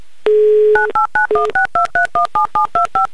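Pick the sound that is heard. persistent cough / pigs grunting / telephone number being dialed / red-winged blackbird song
telephone number being dialed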